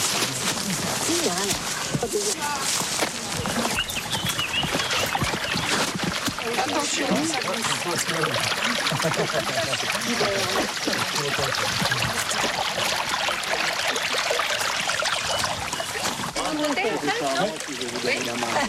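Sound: flowing stream water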